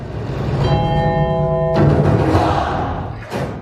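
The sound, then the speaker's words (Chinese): A single bell chime, edited into a dance piece's music as a cue for the performing children, rings out over a dense, low musical backing and sustains for about a second before a sharp burst cuts it off. The music keeps going afterward. “所以我这里面你仔细听会有一个钟声。”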